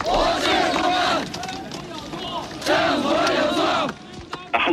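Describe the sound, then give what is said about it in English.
A large crowd of students and workers protests outdoors in Tiananmen Square around Hu Yaobang's funeral in mid-April, shouting slogans such as "down with dictatorship" in unison, two loud rhythmic surges of massed voices rising and falling, with a brief lull of murmuring between them. “Students and workers in the world's largest square, in defiance of government plans to seal off the area for Hu's official funeral, shouting down with dictatorship.”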